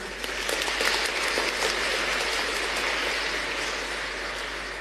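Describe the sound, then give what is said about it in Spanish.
A parish audience applauds steadily for about five seconds, a dense, even wash of clapping that holds its loudness throughout with no voices over it. “Entonces, gracias de corazón, les animamos con aplauso.”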